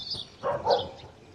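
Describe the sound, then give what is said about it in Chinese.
A couple of faint wild dog barks sound far off in quick succession, soft and muffled against a quiet outdoor background in mountains where Tibetan macaque troops often appear, with no voices. “此时远处传来了野狗的叫声。”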